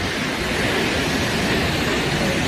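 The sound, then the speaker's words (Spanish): A waterfall with a 222-metre drop into a stone cirque, near the Orduña pass on the border of Álava and Burgos, roars in a dense, unbroken rush of white noise, loud and holding steady without pauses or voices for the whole stretch. “El sitio en sí ya es espectacular, pero claro, si ves caer esa cola de caballo, esa cola de agua, pues más todavía.”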